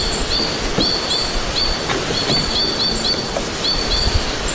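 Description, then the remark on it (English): A white-winged crossbill, a crimson-colored bird high in spruce trees, chatters in quick, repeated high-pitched notes, short trills coming in bursts against a steady background hiss, with no one speaking. “That chatter, a white-winged crossbill, the crimson-colored birds high in the spruce trees.”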